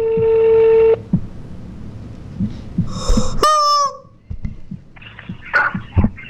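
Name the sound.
telephone ringing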